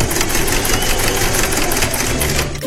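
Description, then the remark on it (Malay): A sewing machine stitching clothes runs steadily in a fast, even whirring clatter, loud and continuous with a faint rhythmic pulse, slowing slightly at the very end. No one speaks. “Dadahlah Kak Siti jahit baju tu.”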